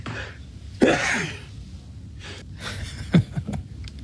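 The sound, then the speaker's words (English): A quick run of four sneezes in a row, each a sharp breathy burst with short intakes of breath between them, fairly loud, with no talking. “That's a quadruple that sneeze tiny.”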